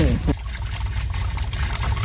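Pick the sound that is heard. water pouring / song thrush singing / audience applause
water pouring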